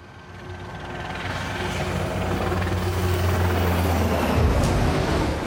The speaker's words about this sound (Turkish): Hava ve deniz operasyonlarına ait bir helikopteri destek olarak çağırıyorlar.